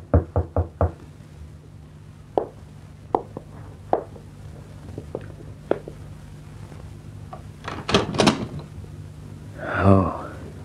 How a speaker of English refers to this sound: When that knock came at the door, Bill Maddox tensed.